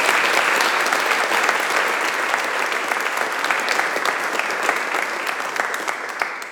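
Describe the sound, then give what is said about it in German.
A large audience claps steadily for several seconds, a dense, sustained wash of applause with no voices standing out above it, applauding a guest who came from the Congo. “Ich glaube, da kann man wirklich auch mal einem Menschen Beifall klatschen, bis aus dem Kongo.”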